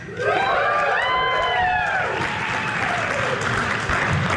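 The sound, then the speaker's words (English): An audience at a comedian's stand-up show breaks into loud, steady applause that fills the whole stretch, with a few rising whoops and cheers riding over the clapping in the first couple of seconds. “I earned every bit of that applause.”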